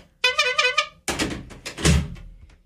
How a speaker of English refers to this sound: Drawer slam.